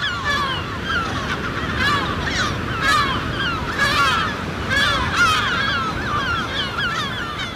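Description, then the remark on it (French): A noisy colony of gulls calling over and over, overlapping harsh cries and yelps throughout, with a steady low rumble of wind or surf beneath. “on va aller capturer des goélands argentés, des goélands bruns et peut-être du goéland marin, dans le but de leur poser des bagues et des GPS.”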